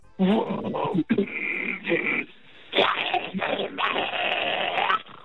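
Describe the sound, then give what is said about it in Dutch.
Harsh, guttural metal grunting vocals from a grunting contest participant giving a preview, ahead of a grunting competition at Musicon in The Hague, come through a thin, tinny telephone line in several loud, roaring bursts separated by short breaks, with raspy growls sustained for a second or more. “Maar goed, in Musicon Den Haag komen morgen de beste grunters samen om te strijden voor de titel.”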